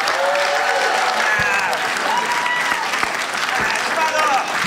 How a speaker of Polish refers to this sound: Szanowni Państwo, oto on, nie będzie śpiewał. Piotr Szumowski, wielkie brawa!